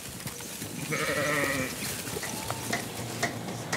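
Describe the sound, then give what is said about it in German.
A sheep bleats in a wavering, nasal call lasting about a second, followed by a couple of shorter, fainter bleats, over a steady hissy background of outdoor noise, on a shepherd's farm on Eiderstedt. “Ein Arbeitsweg, bei dem höchstens mal ein paar Schafe im Stau stehen.”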